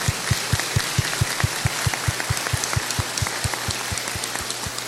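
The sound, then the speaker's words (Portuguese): A crowd applauds steadily for several seconds for a team, a dense wash of many hands clapping, with a regular low thumping pulse running beneath it. No one speaks. “pedi de vocês uma salva de palmas para essa equipe.”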